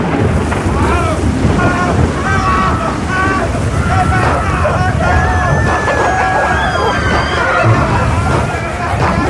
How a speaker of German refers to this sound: Doch das Schiff geriet in einen gewaltigen Sturm und dann passierte Folgendes.